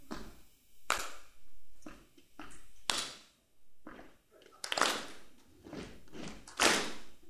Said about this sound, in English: So I'll show you. It's a combination of stomping and clapping.